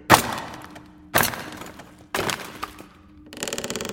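Three loud, sharp metallic blows of a hammer on a chisel strike a heavy wooden crate about a second apart, each ringing briefly, followed by a rapid rattling burst as the crate, which holds flak shells, is chiseled and pried open.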